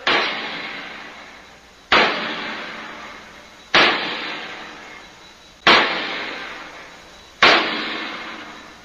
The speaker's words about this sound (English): The bolts, the wing bolts, they hold the door shut. They have to be tightened by hammering with the sledge. Cover your ears, sir.